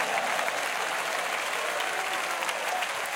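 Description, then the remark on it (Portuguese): An audience claps hands steadily in praise to God during an afternoon worship service, a dense, continuous wash of applause lasting the whole few seconds, with no voices standing out above it. “Isso, pode louvar a Ele com as palmas, pode sim.”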